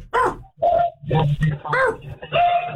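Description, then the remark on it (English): A dog makes a run of short grunting, whining vocalizations, five or six bursts in quick succession, loud over a thin, phone-like background, heard in a caller's background during a phone call to Atlanta radio station Q99.7's morning show. “I gotta take this off the speaker. The dog.”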